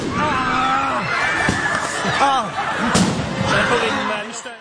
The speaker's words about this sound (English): But at that point, some of the demonstrators let off fireworks.